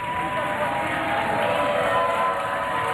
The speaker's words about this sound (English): Crowd loving it. An incredible long marathon day at the Ocho.